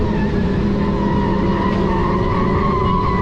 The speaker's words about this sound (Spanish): En una carretera de California, un grupo de motociclistas iban haciendo caravanas, o mejor dicho, iban estorbando el tráfico.